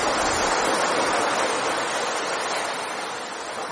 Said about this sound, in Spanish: Bueno, te he puesto aquí un cortecito del mar para que hablemos de Enrique el Navegante. Me recuerda a las vacaciones.